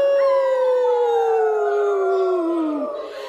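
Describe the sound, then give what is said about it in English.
A choir imitates a wolf howl in one long, loud, drawn-out note that slowly slides downward for about three seconds before dropping off at the end. “Okay, choir, we're counting on you too. The townspeople were terrified. What if the wolf started hunting them? Ow! Ow! Ow!”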